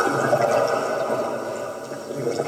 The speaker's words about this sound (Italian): Tra arte e scienza ascoltiamo il suono del mare e degli abissi, ottenuto attraverso un sondatore acustico.